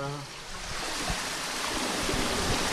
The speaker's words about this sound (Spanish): Vale, y aquí es donde se abre un poco el paso, ¿no? El paso, sí, de las compuertas, para que el agua circule, pase.